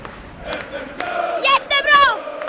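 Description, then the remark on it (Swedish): A crowd of hockey supporters in the supporters' section in Skellefteå roars at the final whistle, with loud, drawn-out shouted chants rising over a constant background of crowd noise, energetic. “Ja, då stod jag där mellan klacken och sargen.”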